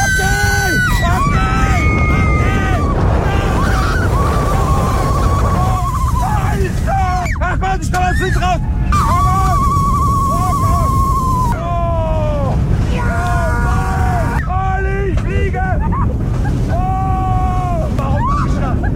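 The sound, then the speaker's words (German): A ride on the Silver Star roller coaster at Europa-Park in Rust at 130 km/h: a loud, steady roaring rush of wind and track noise, with riders screaming and whooping throughout, their cries repeatedly swooping up and down in pitch. “aktuell ist der … beim Achterbahnfahren. 130 km/h mit dem Silver Star im Europapark Rust. Hört's mal.”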